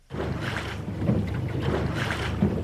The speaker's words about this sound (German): Lautlos gleitet der Katamaran über das Wasser. Das Boot mit den zwei Rümpfen ist etwas ganz Besonderes.